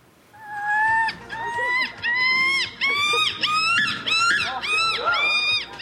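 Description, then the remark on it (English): Several voices let out loud, harsh, gull-like screeches in quick overlapping bursts, imitating the squawking cries of seagulls, one after another with hardly a pause between calls. “Why these people are doing their best impressions of a screaming gull.”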